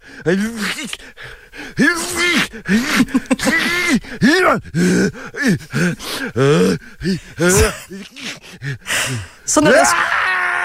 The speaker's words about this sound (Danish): Og nu kigger jeg bare lige ind på YouTube for at finde lyden af en, der nyser. Og så falder jeg over den her meget dramatiske lydeffekt.